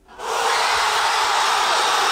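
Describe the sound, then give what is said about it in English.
A huge crowd of football fans in Buenos Aires, Argentina, bursts into cheering at the final whistle of Argentina's World Cup win over Switzerland, after a split second of quiet, swelling fast into a loud, steady, unbroken roar that holds to the end. “That was the moment the fans in Buenos Aires heard the final whistle.”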